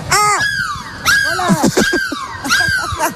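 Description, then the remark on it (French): People on the Énergie radio bus imitate seagull cries as a goodbye, letting out loud, high, swooping wails in three overlapping bursts, with some laughing and babbling mixed in between the calls. “On crie de la mouette.”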